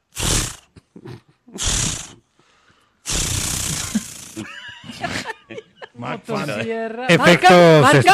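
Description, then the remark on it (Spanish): A voice mimics a chainsaw starting up: two short raspy pull-cord bursts, a longer noisy sputter, then a loud, buzzy, revving engine drone that rises and falls. “No, pero estaba sonando buena el intento de encendido. La volvemos a prender. El motor, si no. Vamos a prender la motosierra.”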